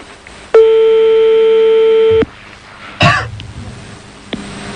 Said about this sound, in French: Alors là, c'est parti. Hein. On est en train de composer on est en train de composer le numéro de téléphone là. Hein. Apparemment. Ça ne sonne toujours pas? Ça va sonner sûrement.